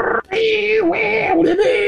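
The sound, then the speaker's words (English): A voice imitates an AOL dial-up modem connecting to the internet: a loud, continuous screech of warbling tones and hissy static that shift in pitch, with a brief breath-like gap near the start. “In the 1990s and early 2000s to introduce the internet to the masses via dial-up service. Remember that? That annoying screeching sound, dial-up?”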